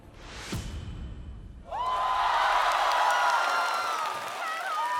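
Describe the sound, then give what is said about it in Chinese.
After a short whoosh and a moment of quieter murmur, a large TV show audience suddenly erupts into loud, sustained cheering as a contestant's ranking is revealed, with high-pitched shouts and whoops that continue to the end. “又是一个全场欢呼的名次。”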